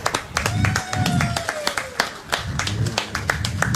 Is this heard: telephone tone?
no